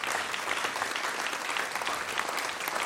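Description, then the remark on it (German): An audience claps steadily for a group of yodelers, dense and continuous, a full round of applause at an even level for a few seconds, with no voices standing out. “Ein Applaus bitte für unsere Jodlerfreunde.”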